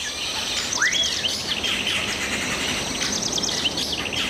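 Many birds chirp and twitter together in a dense, continuous chorus in a bird hospital where they are being treated, with a few clear rising whistles standing out over a steady background hiss. No one speaks.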